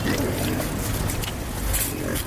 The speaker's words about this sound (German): Rund 30 Schweine grunzen fröhlich